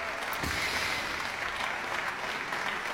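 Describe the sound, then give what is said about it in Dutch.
Steady, dense applause from a large audience for the Residentie Orkest and conductor Leonard Elsenbroeg after their live performance of Jean Sibelius's suite Pelléas et Mélisande, a continuous wash of many hands clapping at an even loudness with no voices standing out. “Het applaus dat je hoort is voor het residentieorkest en voor dirigent Leonard Elsenbroeg.”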